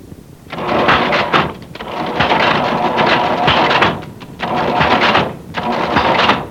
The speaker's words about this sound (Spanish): Guapo, funciona el chunche ese, bella. Vale más que la mamá de mi mujer nos consiguió esta caja registradora vieja, mire.